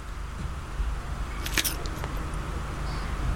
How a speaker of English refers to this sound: I'm going to go for another initial crunch. Here we go. This is a key part.